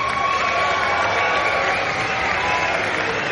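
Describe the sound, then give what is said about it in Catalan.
A large audience claps loudly and steadily, with cheers and whoops mixed into the dense wash of applause, sustained throughout without any speech. “També avui ens han acompanyat unes grandíssimes persones que no se'n són, però el Max i el Martí, un gran fort aplaudiment.”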